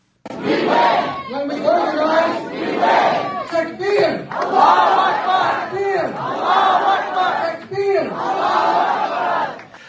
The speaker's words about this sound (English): at this campaign rally, they are yelling Allah Akbar. Yeah, Takbir, Allahu Akbar, Takbir. It is a shout of victory. Allah is bigger.